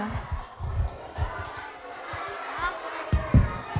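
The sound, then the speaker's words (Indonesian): A crowd claps enthusiastically for several seconds, with scattered cheers and indistinct chatter mixed in and a few low thumps in the background. The lively applause is for a performance by children. “beri tepuk tangan yang meriah.”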